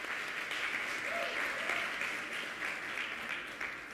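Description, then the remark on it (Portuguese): An audience applauds the Lord in a steady, dense wash of clapping that holds at an even level for several seconds, with a faint voice briefly audible beneath it. “Amado, Jesus, você quer aplaudir ao Senhor?”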